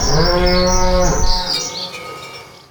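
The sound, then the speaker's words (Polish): A single long, loud cow moo, in a Rolmlecz dairy advert, with a steady low harmonic drone that holds for over a second, then trails off into a fading, breathy tail; faint morning bird chirps flicker above. “I ten dźwięk byście usłyszeli.”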